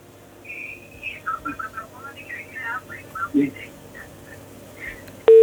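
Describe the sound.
A caller's phone line to a radio request show breaking up: choppy, warbling fragments of a distorted voice over a low hum, ending abruptly in a loud, steady tone as the connection drops.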